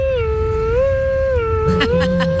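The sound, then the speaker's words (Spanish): A child's voice imitates a fire truck siren with a long, steady high wail that sways gently in pitch, joined near the end by a second, lower voice and some brief scuffs. “y así suena mi camión de bomberos.”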